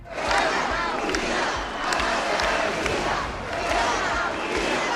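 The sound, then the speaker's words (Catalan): A large crowd at a rally in the Balearic Islands, Spain, shouts and chants together in loud, rhythmic waves, with shouts in favour of Spain and chants against President Pedro Sánchez, many voices blending into a dense roar with repeated rising bursts and no clear individual speech. “Els crits en favor d'Espanya, les banderes i càntics contra el president Pedro Sánchez protagonitzaren la cita.”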